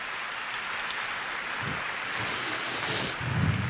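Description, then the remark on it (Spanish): A crowd in Los Angeles in 2024 applauds the Franciscans and Saint Junípero Serra, a dense crackle of many hands clapping at once, swelling slightly louder toward the end, with no voices audible over it. “Por eso, en este 2024, aquí en Los Ángeles, le damos un aplauso a los franciscanos y a San Junípero Serra, que tanto hicieron por nosotros.”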